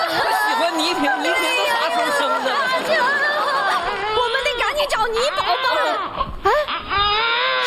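A newborn baby wails continuously in high, wavering cries, loud, while several people chatter and laugh around it.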